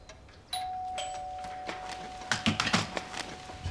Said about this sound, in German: es hat geklingelt.